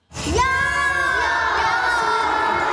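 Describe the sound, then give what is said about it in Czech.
A lively group of future first-graders at a camp in Polná near Jihlava, Czech Republic, shouts and cheers while throwing a foam die and running, a loud, steady burst of young voices calling out, sustained throughout with no pauses. “Děti hází molitanovou kostkou, pak běží a kolik hodili, tolik klínků na sebe přebrací.”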